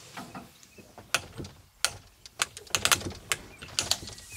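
Knocking on the door of an old circus wagon: a dozen or so sharp, irregular raps and clacks with a rattly, mechanical edge, moderately loud, with no talking over them.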